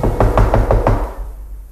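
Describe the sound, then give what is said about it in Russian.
Five firm, evenly spaced knocks on a wooden door in quick succession by a visitor who has stopped at the door, loud, followed by a short fading silence. “Гость остановился перед дверью и крепко постучал.”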